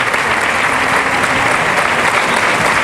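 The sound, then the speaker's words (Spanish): A large bullring crowd applauds steadily, thanking bullfighter Juan Ortega for dedicating the bull as he leaves his montera upside down at the centre of the ring; a dense, continuous wash of clapping that stays loud and even throughout, with a faint murmur of voices mixed underneath. “Y ahora el público, que agradece el brindis de Juan Ortega, que deja la montera boca abajo justo en el platillo de la plaza, ¿eh?”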